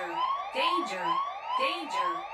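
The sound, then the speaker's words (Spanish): A wailing electronic siren sound effect, the greeting alarm set off on radio station XFM 98.3, sweeps up and down in steady repeating cycles, loud and continuous, with a second falling tone and bursts of hissy noise layered on each cycle. “Acaba de activar la alarma. Así es, la alarma del saludito para toda la raza que sintoniza XFM 98.3.”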